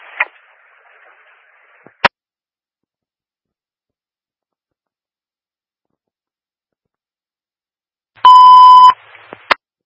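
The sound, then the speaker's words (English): A loud, steady electronic building fire alarm tone at the five-story Alpha building blares once for under a second, a harsh buzzing beep with a strong mid-pitched core, after long quiet with only faint static and a couple of clicks. “Do have an audible alarm sounding.”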